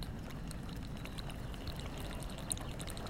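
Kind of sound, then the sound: nature, rain sounds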